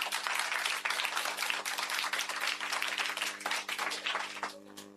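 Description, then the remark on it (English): A round of applause for the quiz master: dense, steady clapping from a group that carries on for about five seconds and thins out near the end, with a low, constant hum underneath. “A round of applause for the quiz master.”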